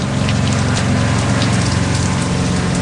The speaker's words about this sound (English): We're getting plenty of rain today, pouring rain. Since it's coming from the east, I have to close my east-facing cabin door. So between the pitching of the boat and the pouring rain, there's not much to do except stay here inside my cabin.